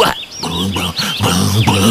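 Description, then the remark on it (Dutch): A human voice imitates a donkey braying like a banjo: several loud, strained, nasal bursts in quick succession, swinging up and down in pitch like a drawn-out hee-haw. “Ik kan balken als een banjo.”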